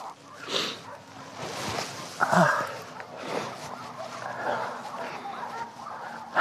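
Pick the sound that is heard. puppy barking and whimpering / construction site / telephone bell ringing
puppy barking and whimpering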